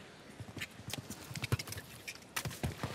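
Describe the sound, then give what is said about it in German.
A horse's hooves pound the ground at a steady canter over the last metres of the approach to a water jump, the thudding beats continuous, with no voices over them. “Ah, die Unsicherheit schon auf den letzten Metern zum Anritt des Wassergrabens hin spürbar. Innerhalb des Pferdes.”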